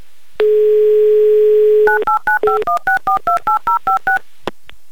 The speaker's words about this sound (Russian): Наталья, Санкт-Петербург, пожалуйста, подойдите к телефону, я набираю ваш номер.